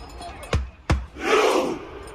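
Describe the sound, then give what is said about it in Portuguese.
A stadium crowd of Norwegian fans performs the Viking rowing chant at the World Cup: two sharp, booming beats in quick succession, then a massive unison roar from thousands of fans that swells and fades. “Além do futebol, a Noruega também chamou a atenção na Copa pela festa da torcida. A remada viking fez sucesso.”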